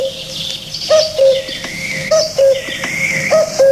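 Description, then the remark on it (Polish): The interval signal of the Polish Radio Wilno station: a short, repeating melodic figure of bright, mid-pitched tones, a handful of brief notes recurring over a steady hissy background, with no voices. “O, to jest sygnał stacji wileńskiej.”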